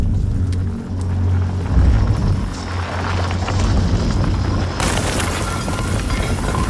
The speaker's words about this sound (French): Dans une galerie, juste au-dessus du refuge, une petite explosion suivie d'une chute de pierre.